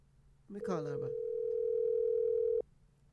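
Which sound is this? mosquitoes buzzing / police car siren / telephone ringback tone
telephone ringback tone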